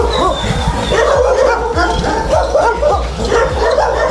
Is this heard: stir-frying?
no